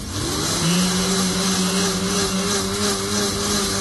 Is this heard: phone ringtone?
no